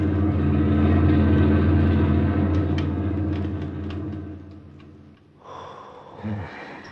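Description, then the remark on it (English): A German army lorry rumbles loudly past on a highway with a deep droning growl, then fades as it moves away, leaving a quieter rattle and a short burst of engine noise at the end. “German army lorry rumbled by while we squatted behind the hedgerow and held our breath.”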